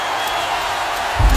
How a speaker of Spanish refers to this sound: El aplauso fuerte para el mariachi.